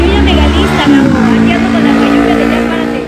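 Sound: motorcycle engine passing by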